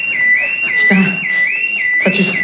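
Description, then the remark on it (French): An electronic alarm blares a loud, high-pitched tone that rises in a quick repeating whoop about twice a second, with brief rough bursts of noise breaking in twice. “Oh merde, l'alarme.”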